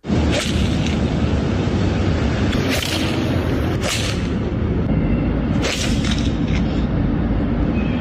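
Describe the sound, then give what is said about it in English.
A few sharp, cracking smacks ring out as golf balls are driven hard into traffic and buildings in downtown Los Angeles, spaced irregularly over a constant loud roar of traffic noise. “Here they are smacking balls into, again, traffic and buildings.”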